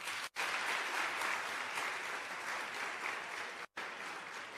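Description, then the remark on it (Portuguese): Sustained audience applause for the invited guests and children, a dense steady wash of many hands clapping at an even loudness, broken twice by brief silent gaps. No voices are heard. “Então, uma salva de palmas a todos vocês.”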